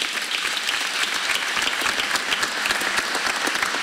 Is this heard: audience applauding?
yes